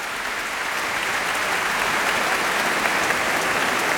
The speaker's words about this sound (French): Et les applaudissements ne faiblissent pas. Michel Plasson revient donc une nouvelle fois saluer avec les musiciens de l'orchestre du Capitole de Toulouse.